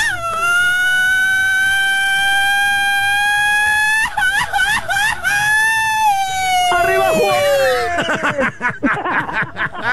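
A long, loud shout held on a steady pitch for several seconds, then wavering and breaking into pulsing, trembling yells that slide downward before trailing off into ragged, choppy cries.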